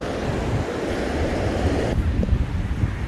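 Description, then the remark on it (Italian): Steady roar of surf breaking on a shore by a seaside village in Batticaloa, Sri Lanka, mixed with gusting wind buffeting the microphone, loud and continuous throughout with no voices. “A Batticaloa, su quello che resta di un villaggio in riva al mare, troviamo alcuni uomini al lavoro.”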